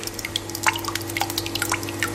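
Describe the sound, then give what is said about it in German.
Thick homemade yogurt, made from the household's own milk, being measured and poured, with a quick run of small wet splashes and drips, a faint steady hum underneath and no voices. “Hat die hier gerade abgemessen und reingeschüttet.”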